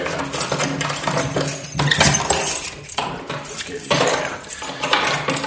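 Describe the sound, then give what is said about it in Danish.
A heavy bunch of keys, including a very large key, jingles and clinks, with steady metallic rattling for several seconds as a cabinet of tactical survival equipment is unlocked; no one speaks. “Nu skal jeg lige have fat i den helt store nøgle herovre. Det er jo mit skab af taktisk udstyr.”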